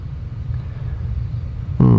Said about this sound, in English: But the noise, that must be a jet going across.